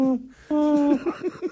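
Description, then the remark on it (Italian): Little owl hooting: two drawn-out, steady hoots, then a quick run of short, clipped notes, loud against a quiet background. “Dai, civetta, quando.”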